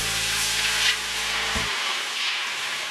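A loud, steady sizzling hiss of plain water being poured into a hot brass pan on a stove, with a low rumbling hum underneath that cuts out partway through, leaving the bright hiss alone.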